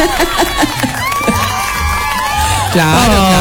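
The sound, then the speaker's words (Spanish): An applause and cheering sound effect: a loud crowd cheers and claps steadily for a few seconds, with high excited shouts and whoops rising above the dense wash of applause. “Muy bien, déjame le pongo aplausos, déjame le pongo aplausos. ¡Aplausos, aplausos!”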